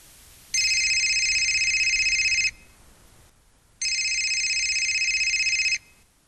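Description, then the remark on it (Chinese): A telephone rings in two long electronic bursts, each about two seconds, separated by a short pause; the tone is loud and steady, with no voices. It is a call from the Delingshan town Party secretary to an agricultural expert, asking for help. “我今天打电话是向你求救来了。”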